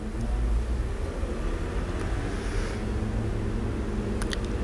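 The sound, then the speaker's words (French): Steady, dense traffic rumble on Boulevard Saint-Germain, with low engine noise of cars, vans, a motorbike and a number 87 bus passing continuously, and a brief higher-pitched clink near the end. “Des voitures, camionnettes. Moto. Autobus 87.”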